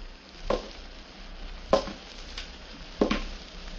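Three slow, evenly spaced footsteps on a roof, each a short scuffing thud, over a steady background hiss with no voices.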